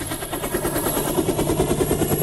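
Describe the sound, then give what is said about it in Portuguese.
A helicopter in flight over the Amazon River, its rotor chopping in a rapid, steady beat over a constant high turbine whine. The sound is loud, with no voices. “Olha aí o barulho das turbinas do helicóptero.”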